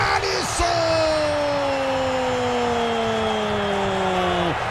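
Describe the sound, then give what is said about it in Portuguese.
A euphoric football stadium crowd roars steadily, loud and dense throughout, as Haiti plays the ball in a match against Brazil, with Brazil leading 3-0, while a long, sustained horn-like tone slowly glides downward in pitch over the cheering. “A torcida eufórica vem para o toque de bola do Haiti, levantamento na boca do gol.”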